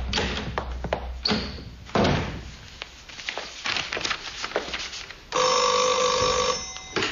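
Scattered thumps, taps and a door-like clatter, then a telephone starts ringing loudly at the end with an international call for the professor, a steady, bright, tonal ring that continues to the close.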